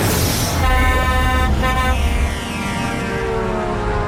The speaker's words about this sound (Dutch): Die gast met zijn toeter hebben we gevraagd,